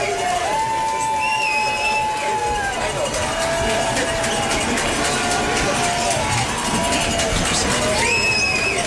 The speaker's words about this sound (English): Crowd's getting loud here for the Legends, supporting their team.